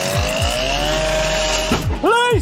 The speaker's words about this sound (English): In other news this afternoon, police in South London used a circular saw to take down a front door in early morning raids.